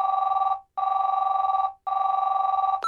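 A telephone rings in steady bursts, each lasting about half a second to a second with brief gaps between, loud with a trilling electronic tone and no voices.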